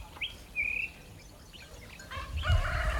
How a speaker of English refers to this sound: The rooster gets going at 4:30. I checked the time. That's the middle of the night. What are they roostering at?